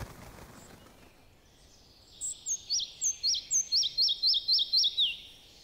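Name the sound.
red-breasted flycatcher song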